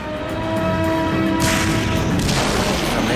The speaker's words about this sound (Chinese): 盟军舍布鲁克碎发枪团正向卡昂推进，德国党卫军第12装甲师开始收网。 突然响起了炮声，